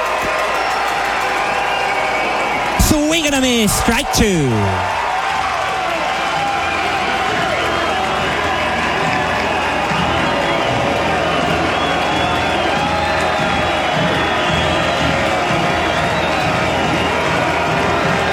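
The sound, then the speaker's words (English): A capacity crowd at a San Antonio Missions baseball game cheers in a steady, dense roar that swells briefly early on, with scattered whoops and clapping. A commentator talks over it throughout. “This capacity crowd in San Antonio making some noise.”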